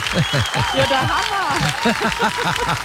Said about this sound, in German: Du kriegst jetzt für diese sieben Jahre diesen fantastischen Applaus. Ich liebe ihn, den Applaus. Achtung, du musst ihn dir anhören. Das ist so schön.